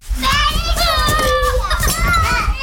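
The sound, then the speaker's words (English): A woman's young toddlers shriek and babble, high voices overlapping in excited bursts over a steady low rumble, a lively stretch of toddler play with no clear words. “That's Anaya. Or more accurately, her toddlers.”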